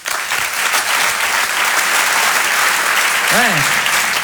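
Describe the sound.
Steady, loud applause from an audience welcoming a stand-up comedian as he is introduced, a dense wash of clapping filling the whole stretch, with a brief voice rising near the end.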